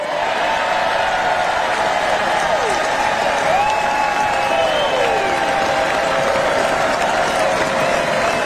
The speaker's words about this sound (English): So you heard the applause, Vance, then bringing it right back to the midterms come November.